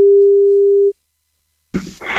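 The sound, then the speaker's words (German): A single steady, low telephone ringing tone sounds loudly for about a second on a Radio Bob ticket-giveaway call for Wacken Open Air, then cuts off into silence before a sudden burst of harsh, loud noise as the person answering shouts "Wacken". “Denn nur wer richtig laut Wacken ins Telefon schreit, wenn's klingelt, gewinnt.”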